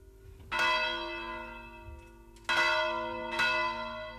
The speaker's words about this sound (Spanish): Rematamos temporada de Rian, como siempre, con este volteo de campanas de la Torre de Virga, la grabación de la Fonoteca de Radio Vitoria de los años 70.